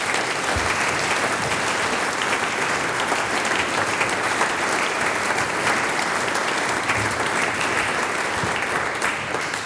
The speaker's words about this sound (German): Der nächste Applaus gehört dir und deinen KollegInnen von der …. Danke vielmals.